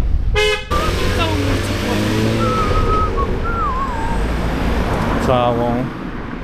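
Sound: car horns honking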